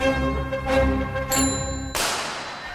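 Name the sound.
bicycle bell ringing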